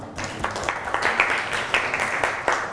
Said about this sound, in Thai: เก่งมากปรบมือให้เพื่อนค่ะ